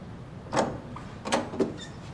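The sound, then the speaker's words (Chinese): A door is opened, with a few short clunks and rattles of the latch and frame over a quiet background, after police at the door call for it to be opened. “半天不开门，磨叽什么呢？”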